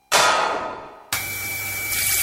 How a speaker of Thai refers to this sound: นึกว่าบ้านมีน้ำตกที่ไหนได้ท่อน้ำแตกแล้วเสียงปั๊มดังกระหน่ำไม่หยุดเลย